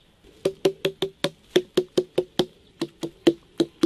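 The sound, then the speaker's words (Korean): A steady series of about sixteen quick knocks on a Gochang watermelon that is somewhat hollow inside, each a dull, low, resonant thump with a brief ring, tapped in an even rhythm with one short pause midway. “얘는 속이 좀 빈 거죠.”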